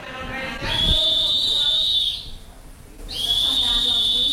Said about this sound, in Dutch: Het alarmsignaal klinkt en de leraren gaan één voor één de lokalen uit.